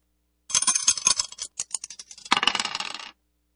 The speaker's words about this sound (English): Let's throw the dice and see which one we're going to play out of this one.